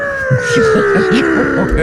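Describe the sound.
A voice imitates the plane flyover at the All Blacks test match: a steady, slowly falling whine held for about two seconds, with a low, pulsing hum throbbing beneath it in a quick, even rhythm.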